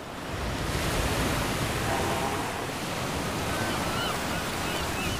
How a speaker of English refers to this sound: New research has revealed that in shallow coastal waters, their calls not only fade quickly, but are also concealed by the sound of waves breaking on the shore.